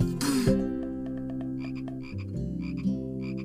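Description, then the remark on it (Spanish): A toad croaks loudly, a deep, sustained throaty drone broken by quick rhythmic clicking pulses, with no talking over it. “¿Qué sucede, sapito?”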